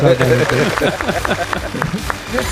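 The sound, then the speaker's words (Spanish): A few people clap in a loose, uneven patter of sharp slaps, applauding an honorary Oscar for a film score, while voices talk and exclaim over them throughout, the talking louder than the applause. “Bueno, aplaudimos, ¿no, chicos? Aplaudimos.”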